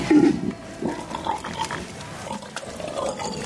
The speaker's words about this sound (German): Die wilden Schweine. Ne?